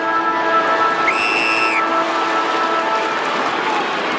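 A football ground's three-quarter-time siren at a Geelong match sounds one short, steady, high-pitched blast with a bright harmonic edge, rising over the constant roar and applause of a large crowd that carries on after it stops.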